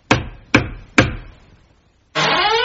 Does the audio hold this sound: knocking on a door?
yes